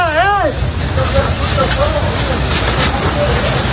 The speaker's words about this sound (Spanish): Pues ahí podemos escuchar a los equipos de la Unidad Militar de Emergencias peleando casa por casa, defendiendo, trabajando sin descanso para proteger a la población y a las viviendas.